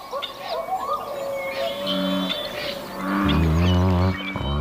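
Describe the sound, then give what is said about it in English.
Deep, resonant American bullfrog calls in Sonoma County, a short low drone followed by a louder, longer booming croak, set against busy birdsong chirping in the background. “American Bullfrogs in Sonoma County.”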